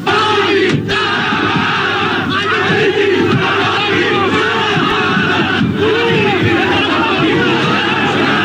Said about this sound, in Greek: εκεί τον περίμεναν συγκεντρωμένοι οπαδοί της Νέας Δημοκρατίας που τον αποδοκίμαζαν πετώντας διάφορα αντικείμενα